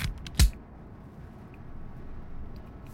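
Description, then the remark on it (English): A single sharp mechanical click as a big, unlabeled yellow shuffle button is pressed stands out near the start over a low background hum, preceded by a couple of fainter ticks. “We've got this big yellow button that we were always scared to press.”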